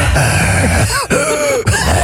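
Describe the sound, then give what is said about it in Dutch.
A voice imitates an exam invigilator breathing too loudly and heavily: rough, raspy huffs in a few long strained pushes with brief gaps between them, almost groan-like. “Dus een surveillant die te hard en zwaar ademt.”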